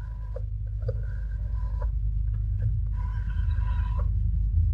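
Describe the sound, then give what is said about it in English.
A telephone ringback tone, heard after a number is dialed, purrs through a line in repeated tonal bursts with short gaps, heard faintly over a steady low hum; no one speaks. “Is it ringing out? Yes, thank you.”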